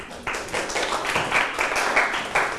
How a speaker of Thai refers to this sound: ถูกต้องนะครับปรบมือให้เพื่อน